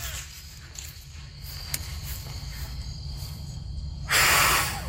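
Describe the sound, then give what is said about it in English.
A child blows one short, forceful breath of air near the end, a loud airy whoosh following a few seconds of quiet background hum. “I think of our breathing jet as like, you know, a wind tunnel.”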